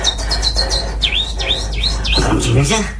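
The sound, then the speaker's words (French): Voices imitate little birds chirping, a steady run of quick, high whistled tweets and swooping chirps, fairly loud, over a low background hum. “Faites-moi les petits oiseaux.”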